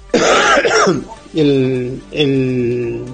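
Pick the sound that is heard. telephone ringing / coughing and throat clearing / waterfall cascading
coughing and throat clearing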